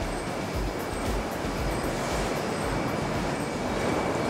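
A loud, steady roar of carrot-washing machinery fills a farm's production hall, where harvested carrots are intensively cleaned as water runs over them and they rub against each other; a dense continuous rumble mixed with rushing, hissing water, unbroken throughout with no voices.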